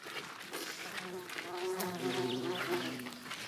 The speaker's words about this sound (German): Ihr seht, überall sind Hummeln und Bienen unterwegs. Jetzt richtig Leben im Garten, ne?